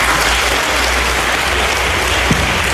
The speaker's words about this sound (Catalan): Bueno, pues mira, este aplauso que estás escuchando es para ti.